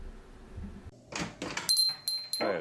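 A door clunks and rattles open, with a few sharp knocks of the latch, bright metallic jingles and creaks over about two seconds, no voices.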